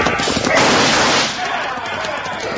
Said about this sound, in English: Duck for cover, folks. You're shooting up the town.